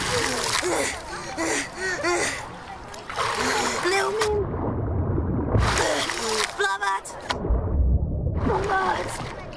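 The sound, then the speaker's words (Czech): A boat is paddled with an oar through water: repeated splashing, sloshing strokes in uneven bursts, with voices talking over the water noise. “Jo, teď už pádluju.”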